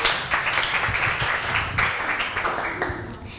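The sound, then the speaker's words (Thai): A crowd applauds the performers at the end of a performance, with many overlapping claps forming a dense, continuous patter at an even loudness for a few seconds. No speech is heard over it. “ค่ะก็จบกันไปแล้วนะคะสำหรับการแสดงค่ะขอเสียงปรบมือให้เพื่อนๆที่เป็นนักแสดงหน่อยค่ะ”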